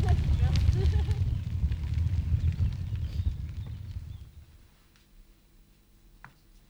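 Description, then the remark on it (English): A crackling fire with irregular snaps and pops over a low, steady roar, easing into a quieter, sparser crackle toward the end. “Crackling fire.”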